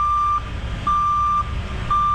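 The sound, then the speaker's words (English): A truck's reversing alarm sounds a steady, high-pitched beep in a slow regular on-off rhythm, three beeps in all, over a low engine rumble. “Yeah, this is usually one, like a truck backing up.”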